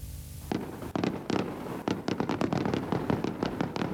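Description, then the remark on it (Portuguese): A dense barrage of fireworks bursts over Angra Bay in Angra do Heroísmo, Azores, just after midnight, marking the start of 10 June, a 10-minute display watched by the President of the Republic. Sharp cracks and booms follow one another in rapid, irregular succession over a continuous rumble, loud throughout with no voices. “Fogo de artifício para assinalar a entrada no 10 de junho.”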